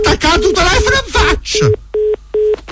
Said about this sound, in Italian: Mi ha attaccato il telefono in faccia.